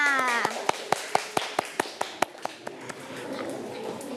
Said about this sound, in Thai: เอาละค่ะเด็กๆทุกคนปรบมือให้เพื่อนๆค่ะ